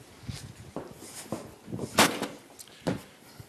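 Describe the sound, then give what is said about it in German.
A string of sharp firecracker bangs pops off at irregular intervals, each a crisp crackling burst, with one louder crack near the middle and another after a short pause. “Pyrotechnik ist doch kein Verbrechen.”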